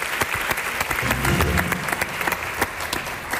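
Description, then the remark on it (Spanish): An audience claps steadily for Daniel Samper, a dense crackle of many hands with sharp individual claps standing out. A faint murmur of voices sits underneath for a moment. “Es fantástico, Daniel Samper, un aplauso para él, nuestro sudaca, al que echamos de menos.”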